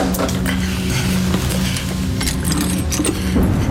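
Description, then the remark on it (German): A stopped mantel clock being wound to get it running again: a run of small metallic clicks and clinks, quick and somewhat irregular, over a steady low hum, with no voices. “Mal sehen, ob ich sie nicht wieder zum Laufen kriege.”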